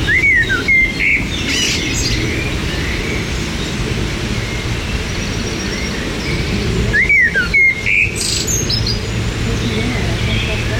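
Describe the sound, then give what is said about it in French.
A Eurasian blackcap sings two short bursts of warbling song, several seconds apart, over a steady low rumble of wind or other noise. The bird sounds clear. “Il y avait la fauvette à tête noire là sur le côté.”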